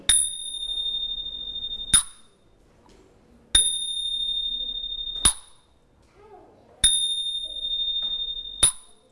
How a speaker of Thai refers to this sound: ชิง เดี๋ยวเราลองมาฟังเสียงชิงกันสักนิดหนึ่งนะคะอันนี้เรียกว่าชิงเป็นเครื่องตีที่ทำจากโลหะถูกต้อง